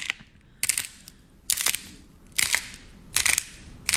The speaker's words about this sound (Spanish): Las bolitas esas que los niños avientan y chocan y suenan como chispitas.